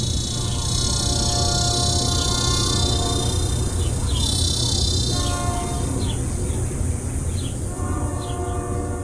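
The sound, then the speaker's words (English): A train rumbles past, heard from not far from the tracks, a loud, steady roar with sustained tonal hums, while cicadas buzz a thin, high, continuous drone behind it. “And the cicadas, electric and itchy, their insistent drone a backdrop to the crescendo of this iron horse.”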